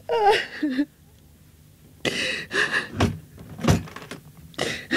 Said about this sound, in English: Sit down there. Just wait till I close the door.